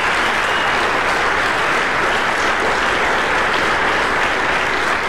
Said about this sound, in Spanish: Denle un aplauso al que merece toda la gloria y la honra.